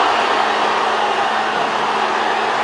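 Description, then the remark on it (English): A large crowd of Portugal fans roars outside Portugal's team hotel in Toronto as Ronaldo and teammates wave from the hotel balcony, a dense, steady wall of cheering that holds at the same loud level throughout, with no single voice standing out. “Now, the sounds you're about to hear, not at Toronto Stadium, but outside their hotel.”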